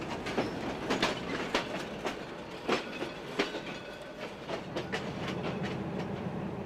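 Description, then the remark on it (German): A train on a mountain railway with a steady 1-in-25 gradient rolls slowly backward into a dead-end stub track at a switchback and stops briefly. Its wheels knock out an uneven series of sharp clacks over a steady rumbling hiss. No voices are heard. “Der Zug fährt dabei rückwärts in ein Stumpfgleis und bleibt kurz stehen.”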